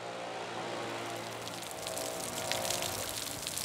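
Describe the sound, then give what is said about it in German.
Steady rain pours down with a dense, continuous hiss of drops, water spilling and splashing from an overflowing rain gutter at a stadium on match day, growing slightly heavier toward the end, with no voices. “Regen ist halt diese Probleme, dass halt die Regenrinnen teilweise überlaufen.”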